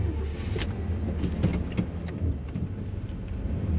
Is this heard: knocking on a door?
no